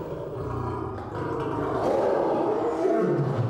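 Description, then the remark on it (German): Several lions roar and growl agitatedly, deep rumbling calls overlapping continuously and loudly, with no speech, stirred up by a veterinarian and a lion keeper arriving with a dark grey syringe case for their yearly rabies and cat flu vaccination. “Das bringt die Löwen mächtig in Wallung.”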